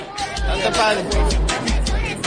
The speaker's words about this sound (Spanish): Bueno, pues esto es el momento, digamos, viral que se ha hecho, el Papa con los jóvenes provocando la ovación y las risas de los asistentes.